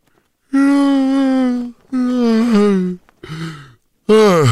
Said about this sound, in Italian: Lo sbadiglio. Avete sentito? Lo sbadiglio serve a manipolare le menti.